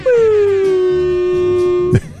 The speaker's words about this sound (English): Woo! Double air horn. Oh, air horn for your friends.